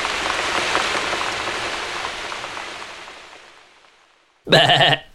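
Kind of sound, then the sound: vocal imitation, person imitating animal noises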